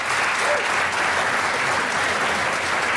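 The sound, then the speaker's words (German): Steady, dense applause from a large audience warmly welcoming the band, many hands clapping continuously at an even loudness for the whole stretch, with no pauses and no voices standing out. “Man wird klatschen, herzlich natürlich.”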